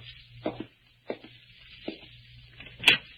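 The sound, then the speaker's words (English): A door is opened to let in a visitor: a few soft knocks and rattles of the handle and latch, ending in a sharper metallic click, over a low steady hum and faint hiss. “Well, I'd like to open my own door.”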